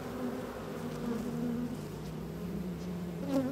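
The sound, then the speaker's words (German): A dense, steady hum of many honeybees buzzing around an opened hive of a nucleus colony, with a little smoke puffed on top; the drone wavers slightly in pitch as individual bees pass, with no voices present. “Das ist der Ableger und die sind irgendwie ein bisschen wilder als die anderen.”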